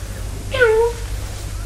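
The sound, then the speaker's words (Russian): A person imitates a cat, giving one short drawn-out "meow" that slides downward in pitch, heard clear over a low steady hum. “То-то. Мяу.”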